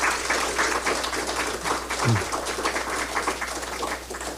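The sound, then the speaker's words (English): A crowd at the Ministry of Education applauds steadily to welcome top-achieving students, their parents, teachers and principals: dense overlapping claps forming a continuous rustling wash at an even, fairly loud level, with a brief low thump partway through. “Let's welcome them with that wonderful round of applause.”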